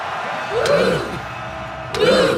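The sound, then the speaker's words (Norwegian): A crowd cheers at night as Norway advances in the World Cup, a steady roar of voices with two loud rising-and-falling whoops standing out, one early and one near the end. “Stor jubel da Norge gikk videre i VM i natt.”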